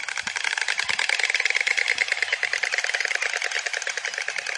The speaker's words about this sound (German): Es geht über dieses Schnabelklappern, ja? Vielleicht haben Sie das ja schon mal gehört.